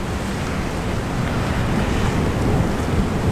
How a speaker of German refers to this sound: Von der Dachterrasse aus sieht man, wie die Wellen vom Süden her auf die kleine Insel zurollen.